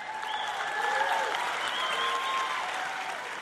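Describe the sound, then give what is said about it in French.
A large audience claps steadily and densely for the whole stretch in response to teaching about giving, with a few voices calling out and cheering above the sustained, fairly loud applause. “Quand quelqu'un vous enseigne sur le don, vous devriez crier et applaudir et vous réjouir parce que je vous le dis.”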